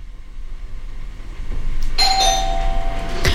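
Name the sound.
doorbell ringing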